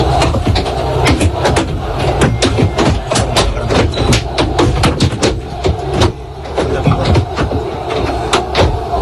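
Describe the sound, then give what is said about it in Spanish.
From inside the Real Madrid team bus arriving at the Camp Nou, a rapid, irregular barrage of sharp, loud bangs and thuds as thrown objects strike the vehicle, over a steady low engine rumble and muffled crowd noise. “Bueno, son 8 segundos nada más, los ha facilitado el club para que vean cómo suena de dentro todo lo que le va cayendo al autobús.”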